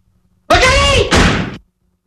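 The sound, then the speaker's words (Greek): A door swings shut on its own without being touched, a drawn-out, strained creak that ends in a loud, solid slam, all over in about a second, with nothing else around it. “λοιπόν, έκλεισε η πόρτα χωρίς να την ακουμπάει.”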